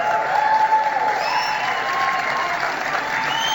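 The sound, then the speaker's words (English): A crowd that appears to include a number of police officers claps in a steady, dense wash of applause that holds at an even loudness throughout, with a few faint whistles or voices rising briefly above the clapping. “And a few chuckleheads there in the crowd, it looks like a bunch of cops, were clapping for him.”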